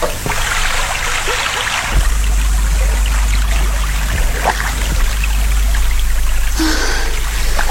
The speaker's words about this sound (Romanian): De m-ar vedea un cunoscut în această barcă de pescar, vâslind de zor în pragul nopții, nu și-ar putea crede ochilor că sunt soția judecătorului Pai.